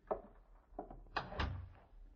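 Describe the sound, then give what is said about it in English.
A door is pushed shut with a few knocks and a solid thud near the end, with a low rumble as it settles. Nobody speaks. “Close the door, please.”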